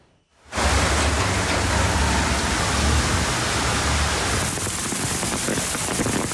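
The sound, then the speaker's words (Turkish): A heavy afternoon downpour in Ankara, Turkey, roars in abruptly after a brief pause, a dense, loud, steady wash of rain hammering down, with a low rumble underneath and no voices. “Ankara'nın çevre ilçelerinde dolu, şehir merkezinde ise sağanak etkili oldu.”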